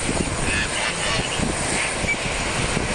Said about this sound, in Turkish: Uçağı askeri üsten ayrıldı. Gerekçe ise İran'dan gelebilecek olası bir tehditti.